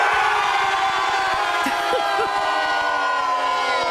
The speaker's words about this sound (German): Die stehen nicht einfach nur hier und schreien und jubeln, sondern die sind alle verkleidet als Superheldinnen und Superhelden.